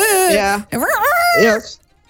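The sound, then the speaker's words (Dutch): A rooster crows loudly, and a parrot immediately joins in with warbling, wavering squawks that run together with the crow before both stop abruptly. “Ja, dat is mijn haan en een papegaai die denkt dat hij ook mee moet doen.”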